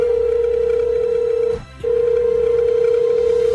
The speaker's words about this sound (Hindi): अभी वो ऐसा सोच ही रही थी कि उसकी फेवरेट संजीता मैम का फोन आ गया।